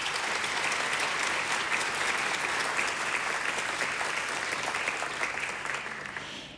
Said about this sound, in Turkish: Şimdi koromuzu ve orkestramızı yönetmek üzere Şef Ali Haydar Gül'ü yine o güzel alkışlarınızla sahneye davet ediyorum.